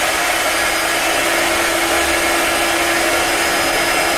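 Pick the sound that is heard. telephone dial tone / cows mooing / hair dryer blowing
hair dryer blowing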